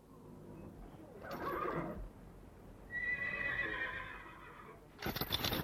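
A horse neighs in a drawn-out, wavering whinny at a stable in the dark early morning while horses are being harnessed, framed by short noisy bursts like snorts or shuffling, over a low steady background.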